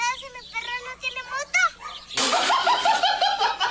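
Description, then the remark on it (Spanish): A dog gives a quick run of short, high, yelping barks, then keeps barking over a sudden burst of loud, hissy background noise. The dog sounds fairly loud. “¿Ese es su perro?”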